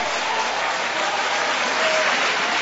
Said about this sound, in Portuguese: Isso, e podem aplaudir, podem exaltar, podem glorificar.